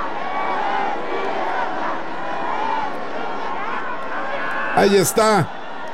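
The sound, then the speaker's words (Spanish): A large crowd in the Zócalo chants and cheers for President Claudia Sheinbaum, a steady roar of many voices chanting "presidenta," with two sharp, loud shouts bursting out near the end. “Escucha el grito de la gente.”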